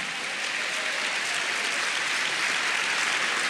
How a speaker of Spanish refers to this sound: Si le va a aplaudir al Espíritu Santo de verdad, vamos, apláudele, porque como dijo el apóstol, hay un buen ambiente en la casa.